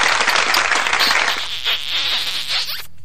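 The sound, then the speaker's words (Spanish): A burst of dense, crackling applause from many hands, steady and fairly loud for about three seconds before cutting off abruptly, with no voices over it. “Aplausos, por favor, a todos ellos, unos torpedos también.”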